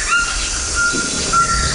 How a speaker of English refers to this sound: Oh, now we're hearing a call of a Cuvier's toucan.